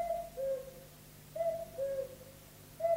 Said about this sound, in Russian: Тише. Кукушка.